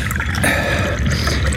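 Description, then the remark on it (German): Tea is poured steadily into a cup for a guest, a continuous trickling splash with a faintly rising ring as the cup fills, no voices over it. “Gießen Sie unserem Gast doch bitte Tee ein.”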